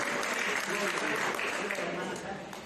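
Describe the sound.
A crowd applauds steadily, dense rapid clapping filling the whole stretch with some voices mixed in, easing off slightly toward the end.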